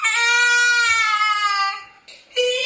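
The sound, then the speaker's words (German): A severely autistic 7-year-old boy who cannot speak lets out a long, loud, high-pitched scream that holds steady for nearly two seconds, breaks off briefly, then starts again with another shrill cry. “Er kann nicht reden und schreit viel.”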